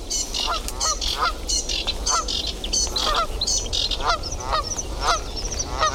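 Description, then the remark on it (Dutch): A flock of geese on the water honks continuously, alert after spotting people, many overlapping calls in a steady, agitated chorus, loud over a low background rumble. “Ik denk dat deze ganzen ook nu continu doorgaan.”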